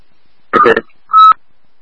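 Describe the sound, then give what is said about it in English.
Telephone keypad tones while calling an ambulance: a short, rough burst of sound, then after a brief pause a single steady, mid-pitched electronic beep lasting about a quarter second. “Yeah, we're calling the ambulance now.”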